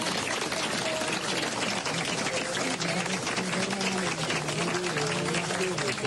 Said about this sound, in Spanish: Un aplauso para la gente.